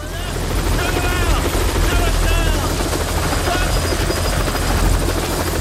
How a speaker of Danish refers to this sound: Og lige pludselig så lander der en helikopter og støver hele arbejdspladsen til